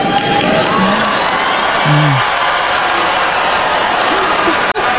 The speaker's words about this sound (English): She didn't, that was not an applause line, and that was a surprise boo line.